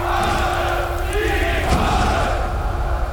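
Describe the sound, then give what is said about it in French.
A large crowd marching in Germany after Hitler was named chancellor, columns of men and women waving small red swastika flags, cheers and shouts in a dense, continuous roar that stays loud and steady throughout, with no single voice standing out from the mass. “Une foule incroyable s'est mise en route, venant de partout.”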